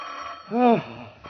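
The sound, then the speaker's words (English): A single short burst of a hotel room telephone bell ringing in San Francisco at 1 o'clock in the morning, lasting well under a second before fading into quiet. “Undersheriff Case, arriving in San Francisco late Sunday evening, had just returned to his hotel after several hours of unsuccessful search when the telephone in his room suddenly jangled.”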